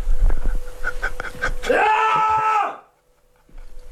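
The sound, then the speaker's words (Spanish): A man lets out a loud, drawn-out scream of frustration, rising in pitch and held for about a second after a few short strained vocal bursts, then silence follows. “Es que me voy a levantar de frustración, ¿vale? Para meter un grito como en tu espectáculo.”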